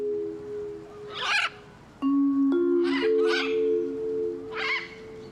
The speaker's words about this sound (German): hat gerade entdeckt, dass unser eine Ara anfängt zu niesen. Ab und zu hört man das. Keine Ahnung, was das ist.